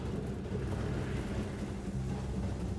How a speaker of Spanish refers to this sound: Abran los paraguas, que llueve mucho.